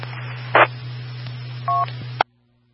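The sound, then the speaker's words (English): A short electronic phone keypad beep sounds once near the end as someone texts, preceded by a brief handling rustle, all over a steady low electrical hum that cuts off abruptly. No one speaks. “Well, if he won't answer my phone call, so I'll text him and see if he wants to come pick it up.”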